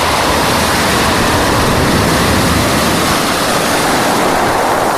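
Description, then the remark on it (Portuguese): Sea waves roll onto the shore in a steady, loud roar of churning water, with no distinct pauses between breakers and no voices. “E vocês, quando foi então a última vez que ficaram de frente para o mar?”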